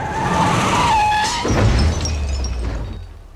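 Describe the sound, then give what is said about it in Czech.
A car's tires squeal in a wavering screech for about a second and a half as it skids while driving on the wrong side of the road, then a loud crunching impact hits, followed by its headlight glass shattering and tinkling as a low engine rumble fades out; the light and fender are damaged. “Až na to světlo a blatník, byla to asi moje vina, jel jsem hodně v protisměru.”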